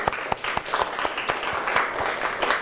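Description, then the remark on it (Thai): A group of people in a Thai language lesson applaud themselves after checking their answers, a dense, steady patter of many hands clapping at once, with a few sharper individual claps standing out through the two-and-a-half seconds. “ถ้าพร้อมแล้วก็ปรบมือให้ตัวเองอีกครั้ง”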